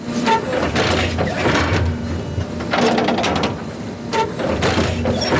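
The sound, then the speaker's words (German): A garbage-truck-sized hybrid turf stitching machine hums steadily while bursts of mechanical clatter and hissing repeat every few seconds as it edges forward a little and punches a row of needles into the grass pitch of the Europa-Park Stadion during a hybrid turf installation. “Alle paar Sekunden fährt das Müllauto-große Gerät ein ganz klein bisschen weiter und sticht mit einer Reihe Nadeln in den Rasen vom Europaparkstadion.”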